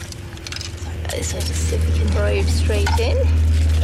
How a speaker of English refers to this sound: First we'll make a hole. So just putting a skewer in there.